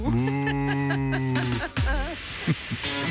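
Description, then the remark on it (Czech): A single long, low cow moo holds steady for over a second, loud, then cuts into warbling, music-like tones; the cows were ignoring a referee's instructions and whistle during a football match. “Rozhodčí se marně snažil situaci vyřešit, krávy ale na jeho pokyny ani hlasitou píšťalku nereagovali.”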